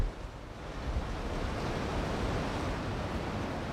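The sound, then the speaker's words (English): Wind blowing in the woods, a steady, continuous rush with a low buffeting rumble, moderately loud, with no voices or other distinct sounds. “A little windy right now.”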